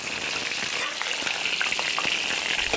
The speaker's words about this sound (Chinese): 刚晒好的鱼干煎到两面焦香，取出把五花肉爆得卷起，拱出油亮亮的窝，加入鱼干焖煮，待鱼干饱吸花肉的油脂，咸香扑鼻。